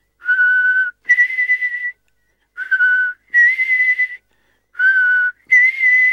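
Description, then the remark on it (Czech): A whistled call of an old blackbird perched on a window ledge sounds three times in a row, each a steady lower note followed by a higher, slightly wavering one, loud and clear with no talking. “Kosák jakoby věděl, že není čas na žádné okolkování, energicky zabušil oranžovým zobákem do skla a zahvízdal.”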